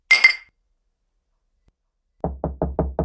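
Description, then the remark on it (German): Glasses clink once in a toast to a brave daughter with a bright, ringing chime that fades quickly, followed by a long silence and then five quick, evenly spaced heavy knocks. No one speaks. “Lass uns anstoßen.”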